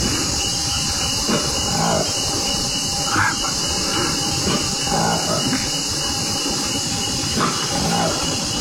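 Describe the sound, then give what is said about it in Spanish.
The call of a newly discovered ape species found in the Democratic Republic of the Congo, Africa: a handful of short, high squealing cries rising every couple of seconds over a dense, steady rush of hissing noise, with no clear speech. “No es un cerdo gigante, ni tampoco es el rugido de un felino, no. Es una nueva especie de simio, un mono que encontraron en el África, más exactamente en la República Democrática del Congo.”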